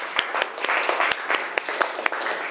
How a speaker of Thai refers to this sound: ขอเสียงปรบมือให้เพื่อนจากกลุ่มที่2นะคะ